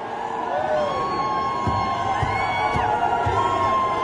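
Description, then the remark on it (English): A large crowd of protesters at the State House in Nashville jeers and shouts in a steady, dense roar, with individual voices rising and falling above the din and a few whoops cutting through. “And they're all jeering and they're ignorant. Listen to them.”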